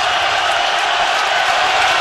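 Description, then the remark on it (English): A dense, steady roar of a ballpark crowd cheering at a baseball game fills the whole stretch, loud and unbroken, with no clear single voices standing out from the wash of noise. “I've never heard this place this loud.”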